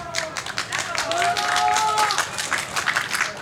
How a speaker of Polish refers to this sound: Proszę o brawa.